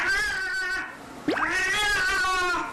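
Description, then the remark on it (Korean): A pet cat yowls loudly inside a home in two long, wavering cries, the second rising sharply in pitch before settling into a sustained, strained wail. No one speaks. “온 집안을 뒤흔들고 다니는 녀석의 울음소리.”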